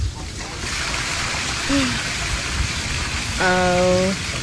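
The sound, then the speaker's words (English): Floodwater gushes out of a flooded car as its door is opened after the floodwaters went away, in a steady, hissing rush that runs the whole time, with a short tonal cry and a longer held voice-like note rising over it near the end. “Listen to this water pouring out of her car.”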